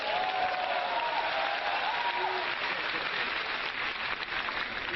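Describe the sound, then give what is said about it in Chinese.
A large audience claps steadily for several seconds as two crosstalk comedy performers come on stage, a dense, even wash of applause that holds at full volume from start to finish with no talking over it. “两个人上台给您一个人的掌声啊， 再拍就是给你拍的了。”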